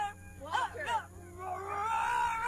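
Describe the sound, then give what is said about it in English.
A short animal growl sound effect: two quick snarling bursts followed by a longer, sustained rumbling growl, fairly loud, with no talking over it. “you gotta wait for the growl.”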